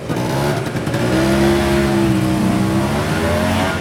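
A motor scooter engine revs loudly, its buzzing whine climbing in pitch and holding steady for a few seconds as it passes, with no voices.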